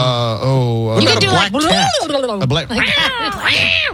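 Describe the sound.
A person imitates a black cat, letting out a loud string of drawn-out, wavering meows and yowls that rise and fall in pitch, with a low steady tone beneath at the start.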